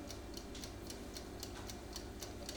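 A mechanical analog timer on a combi oven ticks steadily and quickly after its time knob is turned, its light clicks evenly spaced over a low, constant background hum. The ticking is quiet, with no voices.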